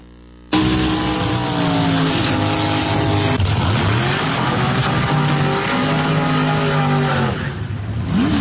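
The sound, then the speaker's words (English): Roaring dragster engines scream at full throttle on a drag racing track, loud and sustained, with rising and falling pitch sweeps as the cars launch and power down the track. The dragsters of the Duffy sisters from Amherstburg, Ontario, reach 145 miles per hour over an eighth of a mile. No voices present. “Let me share with you the power of drag racing.”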